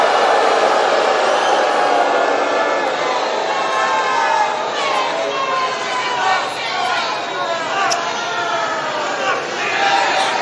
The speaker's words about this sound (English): A lot of crowd reaction. You heard somebody there just yell, FCNN.